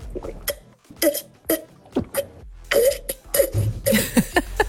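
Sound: drinking water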